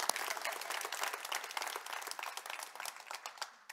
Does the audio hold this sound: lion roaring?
no